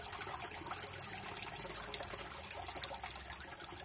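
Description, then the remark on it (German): Water trickles steadily in a fountain whose water runs on three jets inward and three jets back outward, a continuous soft splashing and bubbling, with no voices over it. “So wie im Labyrinth oder eben das Wasser in diesem Brunnen.”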